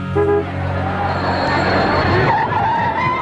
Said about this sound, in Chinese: 说话间呢，这汽车在相面馆的门口就停下了。